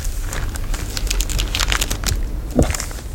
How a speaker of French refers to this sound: Donc on découpe le tissu. Hop. Là il y a plusieurs paires de ciseaux.